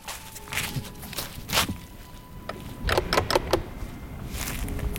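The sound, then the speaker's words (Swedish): Footsteps crunch along a path as a person walks up from a stone beach toward a lighthouse on a height on the island of Fjuk, a series of uneven steps with scuffs and scrapes, a quicker cluster of steps near the middle, over a low outdoor hum. “Jag promenerar upp längs med stigen för att ta en närmare titt.”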